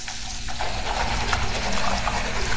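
Water runs steadily from a faucet in a Colgate commercial from Super Bowl 2016, where a man brushes his teeth: a continuous hiss and splash with no pauses and no voices over it.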